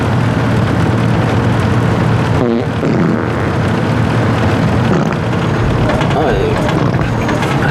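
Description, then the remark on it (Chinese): A long, loud, raspy fart rattles on for several seconds with a coarse, buzzing texture, and brief voice-like sounds break through partway. “这么臭你还放屁？”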